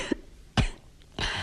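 Three short, raspy coughs spaced about half a second apart, the first softer and the last more drawn out, with no talking.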